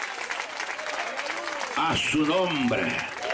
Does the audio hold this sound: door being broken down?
no